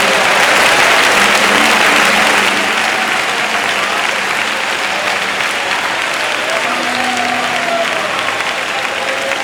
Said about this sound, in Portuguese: Vamos, pode bater palmas e louvar o nome do Senhor.